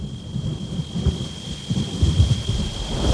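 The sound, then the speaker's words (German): Low, rolling thunder rumbles continuously through a steady wash of falling rain, the storm sounding heavy, with the rumbling swelling and easing in waves and no voices present. “Ich hoffe, sie führt uns jetzt nicht in ein Unwetter.”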